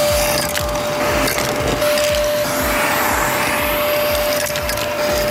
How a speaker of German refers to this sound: Und ja, wartet mal kurz, ist schon ordentlich dreckig hier drin. Müssen wir mal eben durchsaugen.